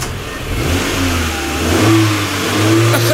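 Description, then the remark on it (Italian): The engine of an old 1970s Cadet car revs loudly and steadily, its low growl rising and falling in a couple of swells over a few seconds, with no voices. “Cadet, macchina anni 70.”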